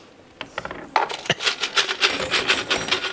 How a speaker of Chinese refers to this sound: 妈呀，这咋这么多钥匙呢？ 这些钥匙是我跟你叔叔来这这么多年，我们每租一套房就偷偷的留下一把，攒着攒着就留这么多了。